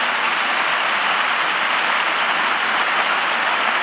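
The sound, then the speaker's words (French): Sustained, dense applause from a large audience, a steady wash of many hands clapping at full strength without letting up, with no voices heard above it. “Merci, mais n'arrête pas le compteur pendant les applaudissements, donc je vais accélérer.”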